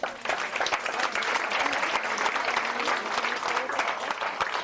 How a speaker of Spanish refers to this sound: ¿Qué tal si les damos un aplauso?